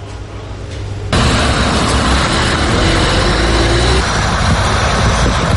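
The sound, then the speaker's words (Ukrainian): A low rumble gives way to a loud, steady roar of buses carrying Ukrainian soldiers, arriving just after crossing the border into Ukraine, engines running and road noise filling the air, with no voices. “Щойно автобуси із українськими захисниками перетнули кордон.”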